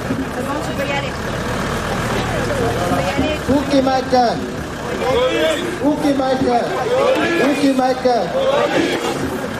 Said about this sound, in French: Le camion recule dans la foule.